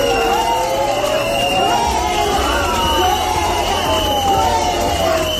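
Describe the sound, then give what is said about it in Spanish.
Hundreds of residents protesting in the Plaza Mayor of Lugo chant and shout "fuera, fuera" at new mayor Elena Cande, a dense, loud wall of overlapping voices with rising and falling pitch that carries on steadily without a break. “Y así, con gritos de fuera, fuera, era recibida Elena Cande en la Plaza Mayor de la localidad, donde se manifestaron durante buena parte de la mañana centenares de vecinos que clamaron contra una moción que calificaron de indigna.”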